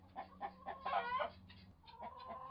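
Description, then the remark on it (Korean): A chicken clucks repeatedly, a quick run of short throaty clucks that swell into a louder, busier cluster midway before settling into steadier clucking, with no voices. “오늘의 동시. 닭.”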